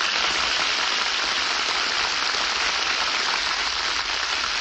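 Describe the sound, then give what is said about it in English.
A steady wash of studio audience applause on the radio show Screen Director's Playhouse as stars Bob Hope and Jane Russell are introduced, dense and even throughout with no voices, a bright crackle of many hands clapping at once that holds level for the full few seconds. “Hear that applause?”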